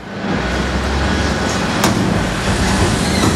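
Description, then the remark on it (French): A garbage truck drives slowly through deserted town streets at 4:29 in the morning, its heavy engine drone rumbling steadily at low speed, with a brief sharp click partway through and no voices. “La ville est encore endormie lorsque le camion Ben progresse lentement dans les rues désertes.”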